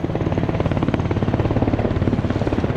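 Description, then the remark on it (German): A helicopter thuds overhead with a steady, rapid rotor beat, loud, its engine whine layered over the rhythmic chopping with no voices present, during a military demonstration with tanks and helicopters at the Triumph of Saint-Cyr officer-cadet festival on summer meadows. “Kinder, Eltern und Großeltern, Freundinnen und Freunde flanieren einen Tag lang mit den jungen Offizieren über sommerliche Wiesen, schauen Vorführungen mit Panzern und Hubschraubern an.”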